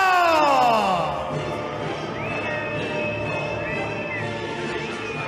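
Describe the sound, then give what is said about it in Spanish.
A large audience welcomes the group dressed in blue, cheering with dense clapping and loud, sustained whistles; a sharp falling whistle opens, then long steady whistle tones ring out over the continuous roar of applause. “No sé si oigo más los aplausos o los pitidos.”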